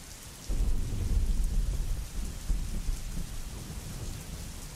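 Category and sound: nature, thunder and rain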